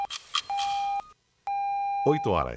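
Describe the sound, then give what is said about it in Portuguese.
Radio time signal beeps ring out clearly: two quick short pips, then two longer steady electronic tones with a brief gap between, the last one overlapped by a swooping jingle-like sound. “Acerta os ponteiros do seu relógio.”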